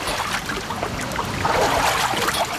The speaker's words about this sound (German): So klingt es normalerweise beim Wassertreten an der Kneippanlage am Tannenbaum in Bad Wörishofen, wenn das Becken gut gefüllt ist.